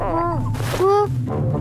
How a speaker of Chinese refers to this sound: 喜羊羊，你肚子叫得好大声。 是你的肚子在叫。 人家一直在找你们，东西都没吃。